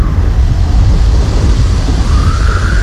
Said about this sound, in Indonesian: Hai teman Bro 2, hujan turun, angin ikut datang.